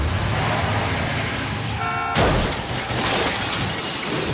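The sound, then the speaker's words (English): Roaring car engines fill a film's car chase scene, with a brief horn blast just before a sudden loud crash, after which the rumbling, rushing noise carries on. “there's a car chasing amazing scene, you know? Car chase, yeah.”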